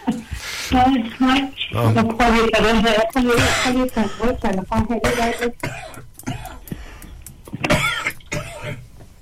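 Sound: coughing and throat clearing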